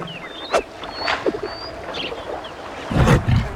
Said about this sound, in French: Le lion a un pelage doré et une belle crinière. C'est un grand lion majestueux. Le lion est couché à l'ombre d'un arbre.